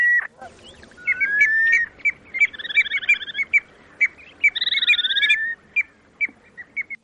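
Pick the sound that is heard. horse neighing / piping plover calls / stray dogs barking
piping plover calls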